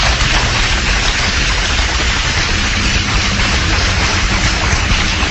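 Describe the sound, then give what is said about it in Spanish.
Loud, sustained applause from an audience, given as applause for the Lord at a religious talk on Russia in Bible prophecy, a dense steady wash of clapping that holds an even level for several seconds with no voices over it. “Mis amados hermanos, un fuerte aplauso al Señor.”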